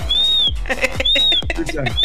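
A shrill, sustained whistle sounds twice, each note slightly rising then falling, separated by brief muffled knocks and murmuring voices, fairly loud; the whistle signals that the show is on air.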